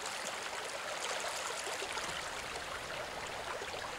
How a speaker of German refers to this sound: Ein brodelnder Quelltopf irgendwo in der bayerischen Voralpenlandschaft. Als kleines Rinnsal beginnt es seinen Lebensweg.